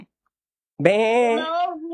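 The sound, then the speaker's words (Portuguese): After a short silence, a human voice imitates a sheep for a child to guess the animal, giving one drawn-out, wavering bleat, fairly loud, lasting about a second before trailing off. “Isso, ovelha.”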